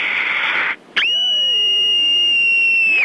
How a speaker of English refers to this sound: And here's my scream.